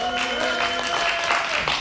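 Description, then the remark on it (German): An audience cheers and shouts continuously for about two seconds, voting by noise for 'hexagon' over 'cuboid' as the more masculine shape: a steady wash of noisy applause-like roar with sustained tonal yells and whistles running through it. “Oder ist für euch Hexagon, dann macht bitte jetzt Lärm.”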